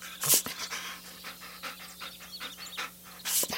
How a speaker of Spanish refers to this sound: Con algunos lloriqueos, ladra unas cuantas veces y además rasguña la puerta para en verdad darse a notar.